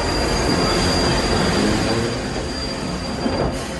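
A steam train rumbles past as its brakes are applied, with a steady, high-pitched squeal of braking wheels running the whole time over a dense roar of rolling carriages. No one speaks.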